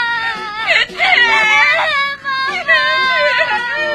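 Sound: young girl crying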